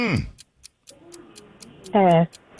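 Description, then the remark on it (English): A quiz timer clock ticks in a steady, quick rhythm, its crisp light ticks running throughout, with a brief voiced sound near the start and a louder one near the end. “Start the clock. Here we go.”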